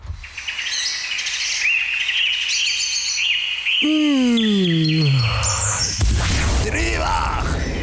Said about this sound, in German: Und vielleicht tun es auch bald für uns so ein bisschen Vogelgezwitscher.